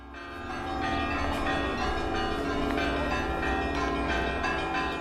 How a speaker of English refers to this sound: The German troops are greeted with the ringing of church bells.